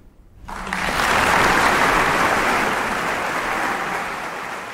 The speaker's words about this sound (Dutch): Ja, aan het applaus te horen heeft Yevgeny Kessin zijn publiek helemaal ingepakt met deze fantaisie impromptu van Chopin.